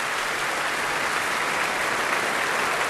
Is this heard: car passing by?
no